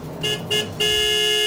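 A car horn honks twice in quick short bursts, then blares in one long sustained blast, loud, with no voices.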